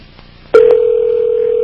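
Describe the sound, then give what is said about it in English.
A telephone call to the Art Bell listeners hotline, a number listed in the Rocky Mountain News: the line clicks open, followed by a second faint click and a steady, loud, mid-pitched tone that holds unbroken to the end, with no voices. “Calling the Art Bell listeners hotline, whatever that is, from the Rocky Mountain News.”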